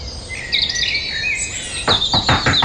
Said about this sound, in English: I'm guessing Dawn Chorus. Yep.